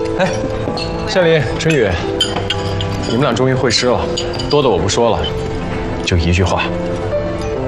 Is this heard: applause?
no